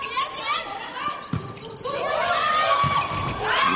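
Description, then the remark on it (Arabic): A player on the Vietnamese women's volleyball team makes a successful spike at 13-10, helped by the net, with a couple of sharp, punchy hits ringing out over steady arena crowd noise and voices in the background throughout. “محاولة السبايك الناجحة هنا الفيتنامية 13-10، يعني الشبكة ساعدت بشكل كبير هذه المرة المنتخب الفيتنامي.”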